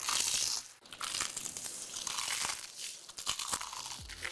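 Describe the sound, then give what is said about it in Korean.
Loud crunching of crispy, crumb-coated fried chicken from a Korean ad for Kkkk Chicken being bitten and chewed, a dense crackling that runs continuously with a few sharper crunches, no voices present. “크럼프를 입혀 크런치하고 크리스피하다. 크크크 치킨 바삭함의 끝판왕.”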